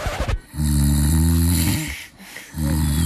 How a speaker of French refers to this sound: Oui, votre conjoint dort. Et oui, votre conjoint ronfle.